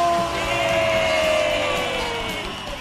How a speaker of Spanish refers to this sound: Un aplauso